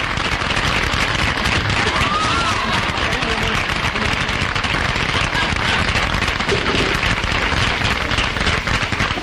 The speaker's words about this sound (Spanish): Va a ser su entrada ya y recibimos con un gran aplauso al hombre de Buenos Aires. Adelante, señor.